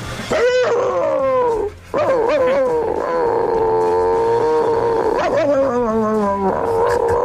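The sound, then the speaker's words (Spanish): Someone imitates the bark of the neighbour's chihuahua, named Klotsky, with loud, drawn-out yappy yelps and whines, delivered in three long, pitch-wavering bursts with a brief pause after the first. “Y le hacía el mismo ladrido que hacía él, que era una cosa como esta.”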